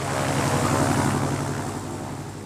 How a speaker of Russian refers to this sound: Как только я коснулся земли, сделав крутой вираж над кукурузой, самолет Дональда поднялся в воздух и сразу же повернул к ферме, над которой я только что побывал.